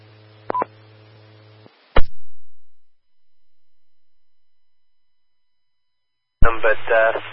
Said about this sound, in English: He would be really strong, and then the QSB would and the static crashes would take him out completely.